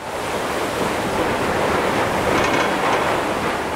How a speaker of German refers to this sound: An diesem Februartag bricht sich die Fähre den Weg durch das vereiste Meer zur Insel Suomenlinna.